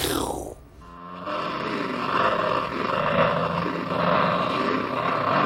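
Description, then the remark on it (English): At the end of a song, a distorted electric guitar, panned across the stereo, snarls like a panther, opening with a quick downward swoop, then settling into a loud, sustained, gritty roar that rumbles on steadily. “The sound of a panther at the end of it could mean a lot of things.”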